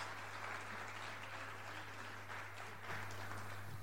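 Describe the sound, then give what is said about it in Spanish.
Steady, dense applause from an audience, a continuous wash of clapping with a low electrical hum underneath, given for the Lord and for the brothers who are going to help. “Y vamos a dar un aplauso al Señor y a los hermanos que nos van a ayudar aquí.”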